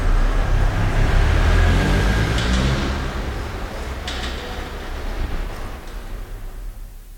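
A car engine rumbles steadily in an underground parking garage, its deep drone echoing, fading slightly toward the end with a few faint clicks and hisses.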